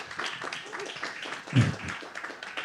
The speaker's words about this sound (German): Ich finde, dass ihr auf der Bühne seid, das ist schon ein kleiner Applaus wert, weil dann kann auch unser Publikum zeigen, dass sie da sind. Also bitte einen kleinen Applaus für unsere heutigen Gäste.